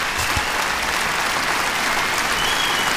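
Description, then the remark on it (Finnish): A crowd applauds steadily, a dense wash of many hands clapping at an even, fairly loud level throughout, with no voices standing out. “Aplodit hänelle.”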